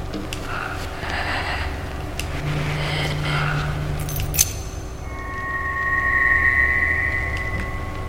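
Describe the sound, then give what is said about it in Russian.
A brief metallic clink of keys as they are picked up, followed by a thin sustained ringing tone, all over a steady low rumble of background noise with no talking. “Еще один ключ?”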